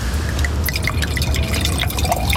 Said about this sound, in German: Darf ich nachschenken? Gerne.